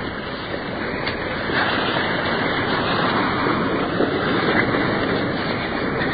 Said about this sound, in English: Coming up to the first waterfall. Pouring into a deep pool.